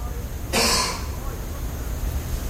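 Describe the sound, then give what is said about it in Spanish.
A single short, harsh cough given on command after being told to undress and bend over, one quick burst standing out against a low, steady background rumble, with no talking around it. “Ahora tose.”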